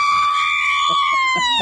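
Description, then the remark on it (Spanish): A loud traditional Mexican grito by a fan celebrating the Mexican national football team's win: one long, high-pitched sustained yell whose pitch slowly sags toward the end, with faint bursts of other voices underneath. “A ver, un grito mexicano.”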